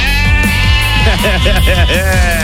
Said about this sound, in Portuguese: É, cabrinho, um beijo, um carimbão pra nossa cabrinha aqui no estúdio. Tá sempre pedindo, nunca leva, né, minhas cabras?